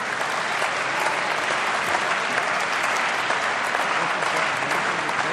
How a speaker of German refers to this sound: Jetzt kommt Anton Hofreiter. Ein Applaus für Anton Hofreiter.